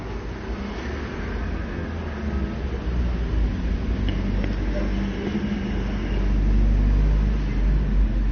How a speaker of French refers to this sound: un scooter qui va très vite, un camion, une camionnette, un homme qui me montre du doigt en passant. Trois voitures.